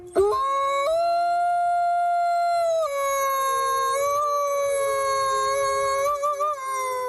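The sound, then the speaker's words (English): A wolf lets out one long, loud howl that fills the whole stretch, its steady tone stepping up in pitch early on, then sagging and wavering toward the end. No one speaks. “Well, new research on wild wolves in Poland has found that they and their prey are afraid of us, big bad humans, and restrict themselves to the darkness of night if we're nearby.”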